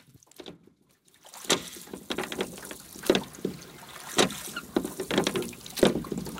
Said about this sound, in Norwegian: Det er koselig lyd, hva? Noen som er ute og ror.